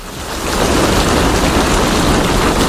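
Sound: rain falling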